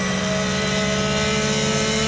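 A race car engine, in a car based on the GT3R and prepared specially for Facepeak with 560 horsepower and an engine revving to 9,500 rpm, screams at very high revs, a loud, steady, dense mechanical whine with strong harmonic tones held throughout, no voices present.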